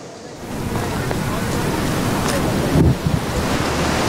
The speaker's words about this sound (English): What you see behind me is an angry, swollen Trishuli River here in Devi Ghat in Nepal.